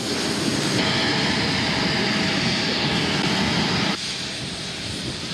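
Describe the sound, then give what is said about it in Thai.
A steady, loud roar of the jet engines of a Thai Airways royal aircraft, flight TG8887, idling on the ground at Toulouse-Blagnac Airport, France, a broad continuous rumble and whine that drops slightly in level near the end, with no voices. “จากนั้นเสด็จพระราชดำเนินโดยเครื่องบินพระที่นั่งของบริษัทการบินไทยจำกัดมหาชนเที่ยวบินที่ TG8887ออกจากท่าอากาศยานตูลูสบลันยัก”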